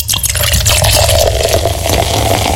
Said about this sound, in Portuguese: vem abrindo aí aquela geladinha também, né? Cheia